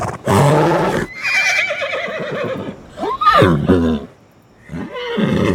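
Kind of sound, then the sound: animal, horse neighing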